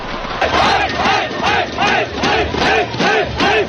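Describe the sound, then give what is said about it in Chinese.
A large crowd of basketball fans at a Guangdong provincial league (Yue BA) game between the Guangzhou and Yunfu teams chants loudly in unison, with seven strong, evenly spaced bursts of shouting about half a second apart over a constant roar of voices. “这场在广州队和云浮队之间的比赛，在开赛前一个多小时就已经有很多球迷入场，观众热情高涨。”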